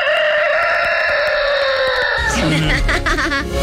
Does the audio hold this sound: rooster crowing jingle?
yes